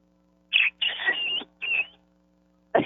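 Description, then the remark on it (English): A person imitates a bantam rooster's crow: a shrill, raspy call broken into a short note, a long stretched middle and a shorter tail, followed by the start of another burst. “And then he gives his crow.”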